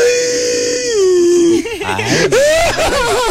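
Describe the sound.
A voice imitates whimpering crying: a long, wavering high whine that breaks into shaky, sobbing gulps and quavering cries, filling the whole moment with no other talk.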